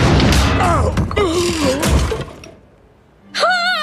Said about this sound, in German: Da knallt der Marmor-Uhu auf Labienus' Kopf.